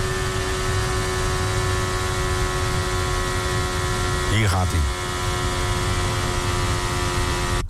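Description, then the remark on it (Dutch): A Formula 1 car engine clipping on the start-finish straight drones at a flat, unchanging pitch, its revs hanging instead of climbing, with a brief falling whoosh midway and a man speaking a few words over it. “Het is wel klippen, want je hoort hem. Hij blijft eigenlijk hangen.”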